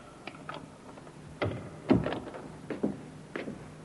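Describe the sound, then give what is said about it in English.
A door opens quietly in a dark, empty club at night: a series of soft clicks and knocks from the latch and handle, followed by a few louder creaking thuds as it swings, with no voices. “The door, Inspector. I heard it, Sergeant.”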